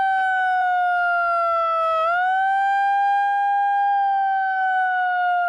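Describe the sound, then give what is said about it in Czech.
A small portable handheld siren, used by a protester trying to disrupt an opening ceremony, wails loudly and steadily, its piercing tone dipping briefly and then rising again, with faint crowd noise in the background. “Jeden z protestujících se pak snaží znemožnit zahajovací ceremoniál s malou přenosnou sirénou.”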